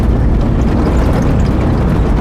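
A tractor engine rumbles loudly and steadily, a heavy low-pitched drone with a rough, churning texture that holds at a constant level throughout, with no voices.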